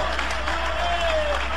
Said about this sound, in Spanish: Dale un aplauso lo más fuerte que puedas al Cordero de Dios.